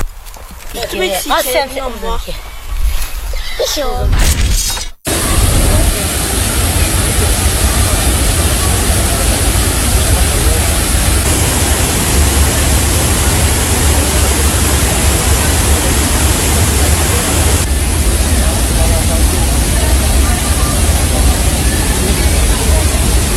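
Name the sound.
waterfall rushing water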